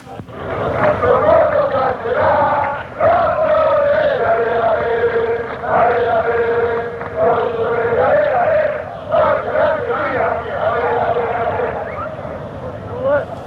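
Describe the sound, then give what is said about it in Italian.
A big crowd of football supporters sings a chant of encouragement for their team in unison, set to the same tune used for Lino della Fossa, loud and sustained, with a repeating melodic phrase, brief dips between lines, and a roar of voices underneath. “Niente, questo è un coro di semplice incitamento per la squadra, uno dei tanti.”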